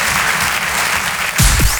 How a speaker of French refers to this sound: On peut l'applaudir très fort, Marine Baousson, en direct et en live sur la chanson. Merci Marine.